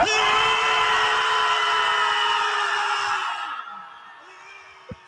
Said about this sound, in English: I get it. Screaming really wouldn't help me, but it's cute, and I don't know, maybe if it helps them.